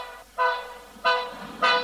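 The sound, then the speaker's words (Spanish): A train whistle blows three short, loud toots in a steady rhythm. Each blast is a bright, harmonic tone that swells quickly and then fades, with no voices. “Comenzó en esto a pitar el tren.”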